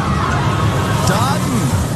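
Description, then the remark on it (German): A roller coaster sound effect, the 'Gewinner-Achterbahn' contest signal played between songs on 107.7 radio: a steady, loud rushing roar with a crowd-like hubbub, and a few wavering, falling cries rising out of it midway through the two seconds. “Sobald die Gewinner-Achterbahn wieder zwischen zwei Songs hier im Radio läuft, das ist das Geräusch, ja.”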